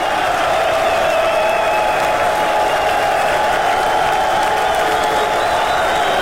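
A crowd applauds steadily, dense clapping filling the whole stretch at a loud, even level, with a few cheers and whoops rising over it.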